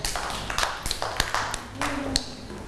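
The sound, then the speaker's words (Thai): A group of children in a classroom clap their hands for a classmate in a loose, uneven patter of overlapping claps, moderately loud, with faint background voices mixed in. “ช่วยคุณแม่กวาดบ้านและถูบ้านด้วยเก่งมากๆเลยค่ะเด็กๆปรบมือให้น้อง”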